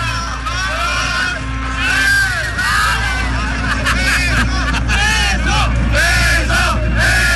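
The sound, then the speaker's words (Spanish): A loud crowd shouts and chants together in a rowdy, celebratory din, many overlapping voices repeatedly calling out "beso, beso" ("kiss, kiss") in Spanish at a celebrating foreign couple, with no pause. “Oye, en tendencias, porque están unas personas extranjeras ahí celebrando por aquí, por allá, y les empiezan a gritar el famoso beso, beso.”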